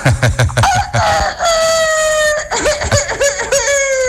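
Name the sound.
hoarse rooster crowing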